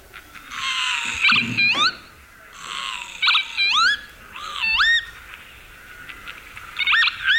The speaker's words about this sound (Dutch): Ja, de kievit. Ja, de kievit.